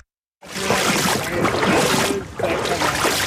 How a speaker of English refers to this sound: I'm wading through the Norwalk River